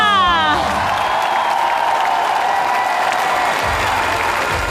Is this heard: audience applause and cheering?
yes